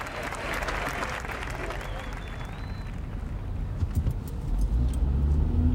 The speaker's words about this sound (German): Auf der A9, aber nicht Autobahn, sondern Autoroute, irgendwo Höhe Perpignan. Einmal mehr fahre ich das Auto Richtung Süden.